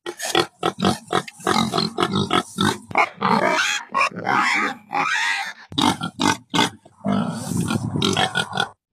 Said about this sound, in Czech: Tak co, uhádli jste? Určitě to znáte. Je to prasátko.